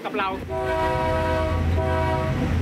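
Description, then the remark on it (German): A train horn blares in a loud, sustained blast that holds steady for a couple of seconds over a low rumbling engine drone, sounded by the train driver as the train pulls into a station. “Dann hupe ich einmal lang und einmal kurz und fahre in den Bahnhof.”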